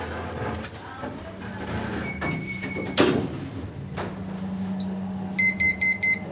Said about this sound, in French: Fermeture des portes.